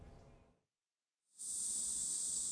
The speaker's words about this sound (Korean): 말벌 보호복을 입은 소방관들이 수풀에 살충제를 뿌립니다. 곧이어 조심스레 꺼내는 건 말벌집. 혹여 벌집 안에 말벌이 더 있을까 연신 살충제를 뿌립니다.